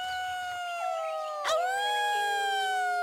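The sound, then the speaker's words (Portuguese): A long, drawn-out wolf-like howl, the joyful cry of the warriors of a werewolf tribe, holds steady for the whole stretch, its pitch dipping and swelling back midway, with no one speaking. “Tratava-se apenas do grito de alegria dos guerreiros da tribo dos homens-lobo.”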